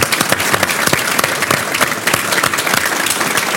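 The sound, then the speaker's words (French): An audience in Nice claps steadily for several seconds for Maître Vivant, a dense, even patter of many hands with sharp individual claps popping out of the wash, loud and continuous with no voices over it. “Applaudissements pour Maître Vivant.”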